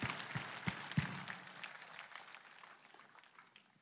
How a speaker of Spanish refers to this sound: Gracias, gracias. Date un aplauso.